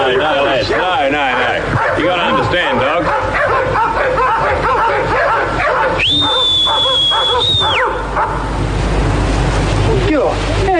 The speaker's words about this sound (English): What you do is you wait till you reckon they're about to stop barking and you whistle just before it happens.